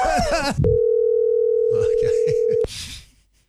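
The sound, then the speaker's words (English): A telephone call to a work colleague ringing out: a loud, steady mid-pitched tone holds for about two seconds, with voices talking before it and murmuring underneath, then cuts off abruptly as talk resumes. “I rang a colleague from work”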